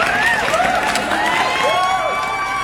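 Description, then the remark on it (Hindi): A crowd claps steadily and cheers, with rising and falling whoops and whistles carrying over dense applause. The noise is loud and continuous for the whole moment. “ये तालियां आप सभी के लिए,”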